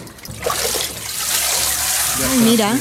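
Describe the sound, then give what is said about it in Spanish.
Water streams and drains steadily as a papermaking mould, a sieve-like form with its frame, is lifted from a vat, filtering out the water and leaving a layer of pulp; a continuous splashing rush, with a voice beginning to speak over it near the end. “Mira, ha metido la forma en el agua y al sacar, ha filtrado el agua y ha quedado el tejido, la pulpa.”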